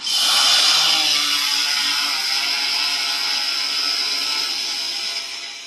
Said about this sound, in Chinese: 您现在听到的是农用无人机飞行的声音。在无人机巡回这个赛道，10几架农用无人机依次起飞。